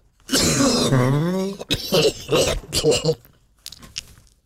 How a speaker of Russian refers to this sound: Да, вот и глубокий такой кашель, совершенно утробный должен быть такой, примерно такой.